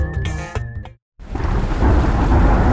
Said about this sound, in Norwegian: Ja, der kom regn igjen.